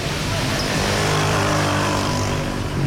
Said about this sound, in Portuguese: Petare fica para trás. Regresso a Caracas. É fim de tarde e há muito trânsito.